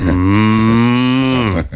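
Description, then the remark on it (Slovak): A person imitates a cow, letting out one long, loud, sustained moo that holds steady before dropping off at the end, with no other voices or sounds around it. “Jej, ten vedel napodobňovať všetky zvieratá. Ale ako? Nikto by to nerozoznal. Kravu.”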